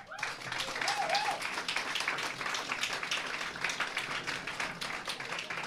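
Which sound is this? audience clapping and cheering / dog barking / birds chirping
audience clapping and cheering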